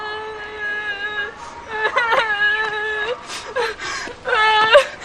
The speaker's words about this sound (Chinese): 怎么了？谁又惹你了？ 他又打我。 你哭什么？